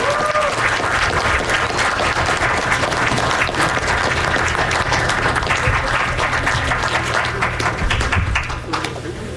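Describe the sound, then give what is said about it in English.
Sustained audience applause for the guests, a dense wash of many hands clapping at steady loudness for about nine seconds, easing slightly at the very end. “Give a round of applause to our amazing guests.”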